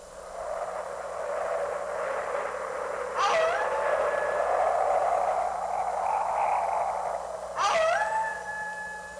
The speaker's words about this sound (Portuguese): Pois é, senhor Cascavel. Aqui estamos eu e você no meio da ventania e dos lobos uivando.